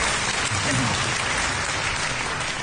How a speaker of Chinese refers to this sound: 所以我谢谢大家的掌声，对我的鼓励，谢谢大家。